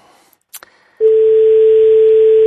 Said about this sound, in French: Deuxième sonnerie.